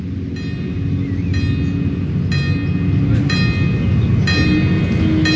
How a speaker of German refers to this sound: So, wir wollen gerade mal den Zug durchlassen. Ja. So, jetzt bimmelt's immer noch. Ja.